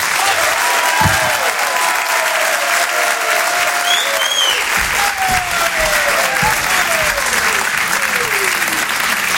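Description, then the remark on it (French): A dense, sustained burst of audience applause for comedian David Azencot at the Open du Rire comedy evening fills the whole stretch, loud and steady, with scattered cheers and whistles rising above the clapping. “Je vous demande un tonnerre d'applaudissements, s'il vous plaît, pour David Azencot.”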